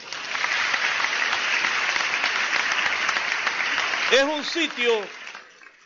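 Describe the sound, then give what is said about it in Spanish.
A crowd claps steadily and densely for the mayor for about four seconds, then a few voices call out over the fading applause before it dies away. “Denle un aplauso, señor alcalde, mi estimado Manny, hombre.”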